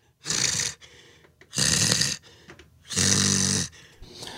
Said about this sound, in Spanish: Oí la respiración.